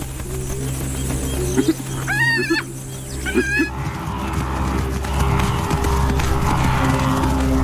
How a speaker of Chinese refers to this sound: 狮子和水牛的激烈决斗引人注目